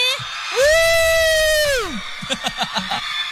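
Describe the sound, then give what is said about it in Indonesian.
A crowd of supporters at the Bintang Radio RRI Samarinda final lets out a long, loud rising-and-falling whoop of cheering that holds for over a second, then breaks into a series of rhythmic shouted bursts. “Wow, itu sampai atas sudah kayak taulah, suara kalian kedengaran sampai Gor Kadri Uning tuh dah.”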